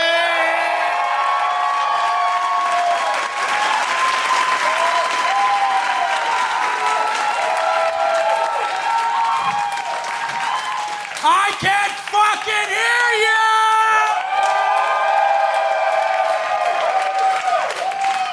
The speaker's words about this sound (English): The man of the hour, too sweet to be sorry. Ladies and gentlemen, a big round of applause for Mike Wiley.